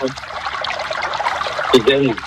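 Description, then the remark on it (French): River water from a collection of river and lake water being poured, heard over a phone call, a steady splashing trickle that runs through the whole moment, with brief voices speaking over it at the start and near the end. “Ah oui, tu as raison, mais c'est bien d'entendre l'eau.”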